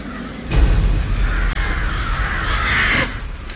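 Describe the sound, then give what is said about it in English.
A flock of crows wheeling in the sky caw harshly in overlapping bursts, loud, over a deep, steady rumbling background. “Triss folds her arms around herself when she suddenly notices a flock of crows wheeling in the sky.”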